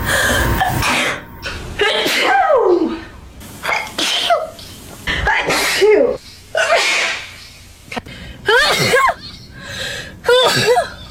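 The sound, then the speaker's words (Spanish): A woman sneezes over and over, about eight loud sneezes in quick succession, each a sharp breathy burst with a high voiced squeal, separated by brief pauses. “Quita todo y solo deja el estornudando.”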